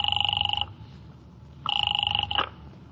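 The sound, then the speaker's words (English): A telephone call to the Faraday Hotel rings in two bursts, each a steady warbling double tone repeated rapidly, with a pause between rings and a low hum underneath. No one speaks. “Calling up a very nice young lady named Gloria Hunt, whom I just happen to be with at 9 o'clock in town.”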